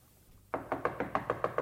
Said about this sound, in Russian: Ага, стучат.